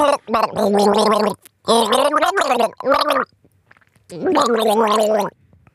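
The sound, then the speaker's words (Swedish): A woman drinks water and gargles it while humming a song, producing three long bubbling, pitched bursts separated by short pauses, the melody wavering through the watery rattle. “Börja bara gurgla först en gång och sen kan du ge ett tips.”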